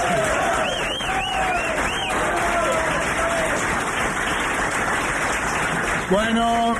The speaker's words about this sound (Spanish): Bueno, ustedes aplauden, yo tomo un trago y vuelvo.